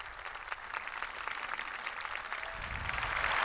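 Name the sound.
round of applause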